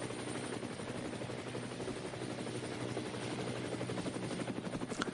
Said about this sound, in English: Helicopters still out covering the action around the circuit.